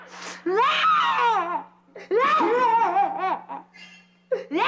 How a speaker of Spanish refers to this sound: ¿Y ahora qué te pasa, amiguita? ¿Por qué estás llorando?